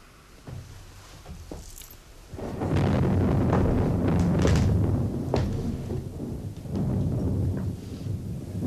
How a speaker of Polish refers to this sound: Właśnie zaczyna się burza.